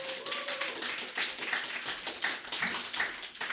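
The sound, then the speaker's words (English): An audience claps steadily for memoirist Jill Christman, many hands blending into a dense, continuous patter of applause at moderate loudness, with no voices over it. “Everybody clap for Jill Christman.”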